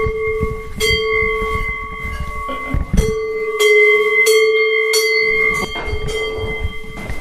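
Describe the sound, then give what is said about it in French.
Church bells ring out in a steady, overlapping peal, each strike leaving long sustained tones that hang in the air, with low rumbling background noise beneath; no one speaks. “Alors voilà des belles cloches.”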